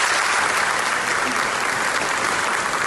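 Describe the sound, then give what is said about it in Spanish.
Sustained, loud applause from a sizable audience for Nevenka Fernández on her return to Ponferrada 25 years later, dense and steady throughout with no pauses, with no voices standing out above the clapping. “Es el aplauso que ha recibido Nevenka Fernández al regresar a Ponferrada 25 años después.”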